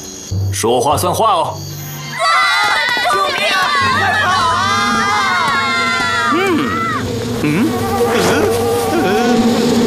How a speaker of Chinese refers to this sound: 是蚊子！坏了，这破峡谷连个躲的地方都没有。